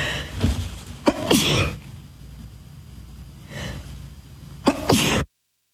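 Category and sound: human body sound, sneezes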